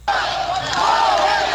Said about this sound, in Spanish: Que le pusieron a los acarreados ahí cerquitas para que le gritaran, gobernador.